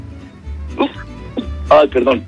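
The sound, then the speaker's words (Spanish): A run of short, sharp sneezes, several abrupt bursts in quick succession with the last few louder and bunched together, over a low background hum. “perdón, pero me dieron ganas de estornudar.”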